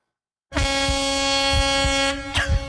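A loud truck air horn blasts in one long sustained honk after a brief silence as the truck passes in front, steady, with a rumbling engine underneath and a short stutter near the end.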